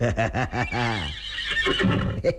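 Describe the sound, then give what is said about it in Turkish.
A horse lets out a loud whinny, a rapid series of quavering high-pitched pulses that slide downward and trail off into breathy snorting, with no voices present. “Senin şu yeleni tutmazsam, sarını okşamazsam, at kokusunu duymazsam, ha?”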